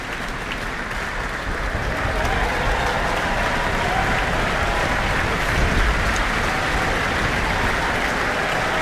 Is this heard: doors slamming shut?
no